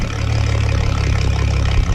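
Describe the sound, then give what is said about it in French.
A boat motor hums steadily out on the water, a loud continuous low-pitched drone with an even rumble throughout, no voices. “Puis tout ce qu'on peut entendre, c'est le ronronnement du moteur.”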